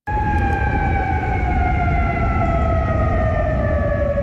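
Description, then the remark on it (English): An air raid siren wails loudly and continuously across Kuwait City, Kuwait, as the military intercepts incoming Iranian missiles and drones: a sustained droning tone gliding slowly downward in pitch, with a low rumble of outdoor background beneath it and no voices. “The sirens heard across Kuwait City, where the military says it is actively intercepting incoming Iranian missiles and drones.”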